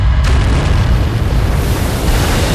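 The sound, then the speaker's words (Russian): A loud, deep explosion as a bomb hits the ship Stary Bolshevik during an air attack, destroying an anti-aircraft gun and its crew, with a sharp onset, followed by a heavy rumbling roar that fills the low end and sustains without fading, with no voices present. “И все-таки одна бомба достигла цели. Взрыв уничтожил зенитку вместе с расчетом.”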